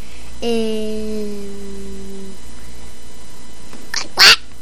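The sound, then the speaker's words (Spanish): A person imitates a duck, an animal of the ark, for another to guess in a game, with one long, nasal, drawn-out quack lasting about two seconds, followed after a pause by a brief, sharp breathy burst. “Un pato.”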